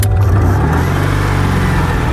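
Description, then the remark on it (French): The engine of a sky-blue 1970s Citroën 2CV named Cathy drones steadily with a low, buzzing rumble, holding a constant loud pitch while driving on roads through the fields of the Luberon, between Cucuron, Saint-Martin-de-la-Brasque and Ansuisse, with no voices. “C'est le nom de cette élégante deux chevaux des années 70, d'un bleu couleur ciel de Provence.”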